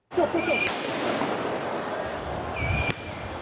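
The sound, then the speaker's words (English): Two sharp, loud pops of tear gas canisters fired by police in Paris to disperse high school and university students during protests, about two seconds apart, ring out over a dense roar of crowd noise and shouting. “Police in Paris used tear gas and water cannon to disperse high school and university students during protests.”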